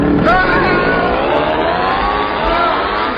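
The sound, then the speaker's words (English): An outboard motor fitted onto a piano roars loud, its engine note climbing and wavering as it revs steadily for a few seconds without a break. “Now, just fit this outboard motor onto the piano and”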